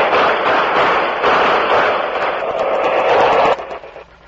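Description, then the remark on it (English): A loud, dense volley of gunshots from a firing squad crackles continuously for several seconds, harsh, then abruptly breaks off into a quieter tail. No one speaks. “Here comes the firing squad now.”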